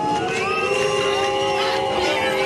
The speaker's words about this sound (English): During campaigning in Germany's eastern Saxony-Anhalt state last week, Chancellor Friedrich Merz was booed by far-right AfD supporters.